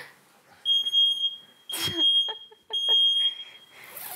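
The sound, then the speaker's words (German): A smoke detector alarm sounds in three long, loud, piercing high-pitched beeps separated by short gaps, with a brief clatter of noise in the middle. “Ja, Feuermelder.”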